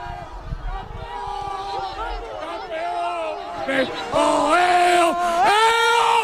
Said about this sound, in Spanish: Ahora van a hacer el corrillo los jugadores del Puerto Llano. Les dejamos que se junten ahí para que griten.